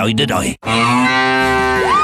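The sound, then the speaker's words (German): A cow moos loudly, the sound of a mooing Müllermilch milk bottle: a long sustained low call after a brief first sound and a short pause, rising slightly in pitch at the end. “Finde die letzte Muhende Müllermilchflasche und gewinne 50.000 €”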